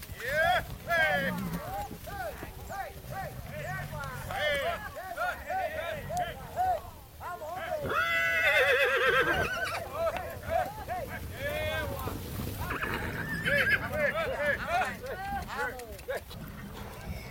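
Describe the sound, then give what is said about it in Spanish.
At dawn, a herd of mares driven by herders on Arabian horses toward an enclosure near the beaches of El Rocío: hooves clip-clopping steadily in a continuous, busy rhythm, with whinnies and calling voices mixed in over a rushing, windy outdoor background. “Nada más despuntar el alba, se ve venir la primera manada de yegua.”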